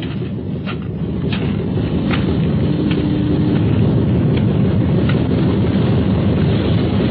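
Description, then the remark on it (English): A loud, steady engine drone from a small plane readied for takeoff, a deep rumbling roar with a faint humming tone inside, swelling slightly after the first second and then holding even throughout, with no voices. “Well, I guess everything's ready for takeoff.”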